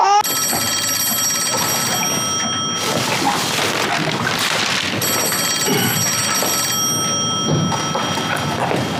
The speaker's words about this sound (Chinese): 哎，接电话。 你咋不接？